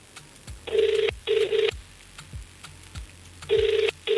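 A phone line's ringing tone plays alone in paired bursts, two short buzzy rings, a pause of about two seconds, then another pair starts. It is fairly loud and slightly tinny, heard through the handset.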